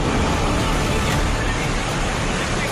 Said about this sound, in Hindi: कहीं सड़क पर पानी का तेज बहाव है तो कहीं मंदिर, स्कूल और दुकानों के अंदर पानी घुस गया है।